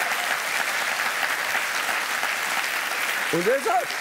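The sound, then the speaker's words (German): An audience claps steadily throughout, a dense, even wash of applause, with a voice briefly speaking over it near the end. “Ja, komm mal klatschen.”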